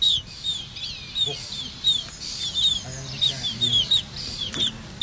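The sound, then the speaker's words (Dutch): Black-tailed godwit chicks peep over and over, a steady stream of thin, high-pitched chirps that rise and fall quickly, with a faint low rumble underneath. “En zo klinken ze nu nog.”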